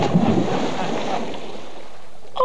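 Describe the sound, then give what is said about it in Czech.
A heavy splash as a man falls into a well, loud at first, then a churning wash that fades over a couple of seconds, with no voices. “Pan kapitán ve studni a hluboko.”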